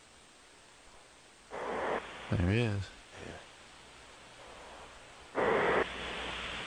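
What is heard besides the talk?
man snoring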